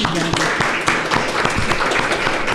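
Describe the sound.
An audience at a legislative committee hearing applauds an initiative, a steady, dense crackle of many hands clapping at an even loudness throughout, with a faint voice briefly audible beneath it at the start.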